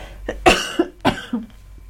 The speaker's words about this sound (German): Aber ich muss gleich husten.